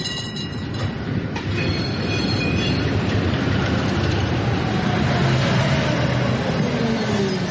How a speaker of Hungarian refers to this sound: Hirtelen fém csikorgás hallatszik. A fák mögött abból az irányból, ahonnan a fények jönnek, piros villamos tűnik fel, mint valami látomás.